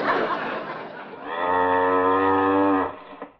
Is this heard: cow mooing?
yes